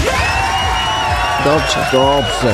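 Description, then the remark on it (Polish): Steady crowd applause and cheering, played as a clap-meter rating, fills the whole stretch, a dense even roar with voices shouting and whooping over it, rising slightly toward the end. “Ciężka praca człowieka wzbogaca, więc ocenię to na skali klaskometru.”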